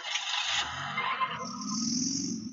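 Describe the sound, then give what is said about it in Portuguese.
Street traffic at rush hour, around 11 a.m., at the intersection of Rua Marcos Rocha and Avenida Cristóvão Colombo in Trizidela: a broad hiss of tires on pavement, then a deep engine rumble as vehicles pass. Steady and fairly loud, with no voices. “uma matéria que nós fizemos hoje, lá na Trizidela, para você ver como é que está o trânsito ali no cruzamento da rua Marcos Rocha com a Avenida Cristóvão Colombo.”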